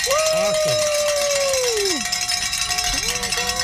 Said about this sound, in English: Hey, we can ring some bells here. Let's do it.